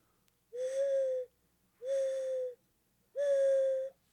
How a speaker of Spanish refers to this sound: Yo recordaba ahora lo de las, ¿cómo se llama? La paloma, la huilota, creo que le dicen, que es muy...